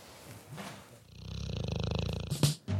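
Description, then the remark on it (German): A sleeping dog in its basket lets out a rumbling snore with a fast fluttering rhythm that lasts about a second, followed by a couple of short snuffles. “Vorher hören wir uns mal auf der Straße und im Hundekörbchen um.”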